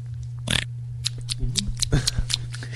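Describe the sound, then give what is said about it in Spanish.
Loud, crunchy chewing of food in irregular bursts of wet crackles and snaps, the bites coming unevenly over a few seconds above a steady low electrical hum. “¿Por qué hace tanto ruido el masticar sin esas series, no?”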